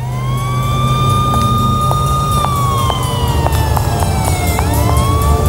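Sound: emergency vehicle sirens outside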